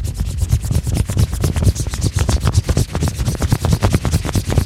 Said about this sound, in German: Ich glaube, ihr rubbelt an einer Luftmatratze.